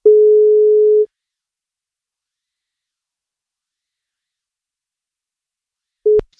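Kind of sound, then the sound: signal or alarm, telephone ringing tone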